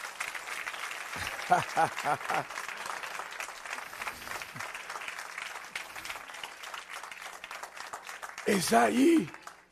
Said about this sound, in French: Bah bon Dieu, on applaudit pour moi, ça.